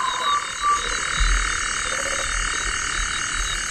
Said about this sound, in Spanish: Y un sapo, ¿eh? También hay sapos.